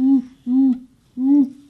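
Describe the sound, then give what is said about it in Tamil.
A schoolboy doing mimicry imitates an owl with three steady, low hoots in a slow, even rhythm, each held for about a quarter second, clear with brief pauses between. “இது எனக்கு தெரியுமே, ஆந்தை.”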